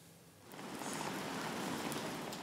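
Steady rain falls outdoors in Bremen's city centre, a dense, hissing wash of drops that swells slightly after the first half second and holds constant, with no voices.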